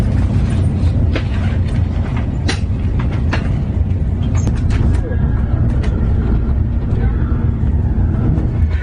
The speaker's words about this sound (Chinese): 今天的火车特别空，全部都是空的，而且特别大位置，很难得。因为我们之前坐火车都是特别多人，然后今天感觉终于没有人了，太开心了，每一天都是人的。